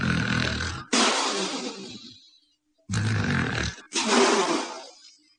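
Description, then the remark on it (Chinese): A storyteller's voice imitates the loud, thunder-like snores of a drunk man lying asleep: two long breathy cycles, each a low roaring inhale snapping into a gusty exhale, forceful with a brief pause between. “郑梦雄啊，喝得烂醉如泥，在那躺着四脚拉叉正打呼噜呢，打的那个呼噜像雷声一样，这叫吹破天的呼噜。”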